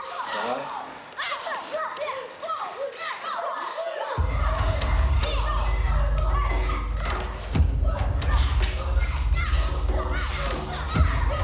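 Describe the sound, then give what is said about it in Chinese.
Children at a martial arts school shout in unison while practising Yue family boxing (Yuejiaquan), over repeated heavy thumps as if striking or stamping during the drill, with a dense low rumble building partway through and sharp bursts of noise. “武校的孩子们操练着岳家拳，高猛的招式让人们的思绪回到待从头收拾旧山河的烽火年代。”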